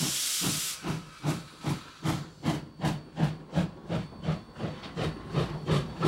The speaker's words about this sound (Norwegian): Ja, kjører toget.